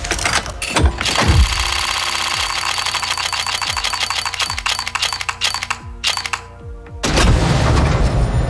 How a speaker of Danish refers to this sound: Og hvis du ikke lige er helt med på lingoen lige nu, så er det her lyden af en lootbox, hvor man altså kan vinde forskellige præmier. For eksempel noget, der kan gøre vores våben lidt sejere.